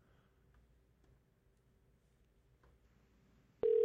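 Faint clicks of a phone being dialed over a low line hum, then a loud, steady ringing tone suddenly cuts in at the end. No one speaks.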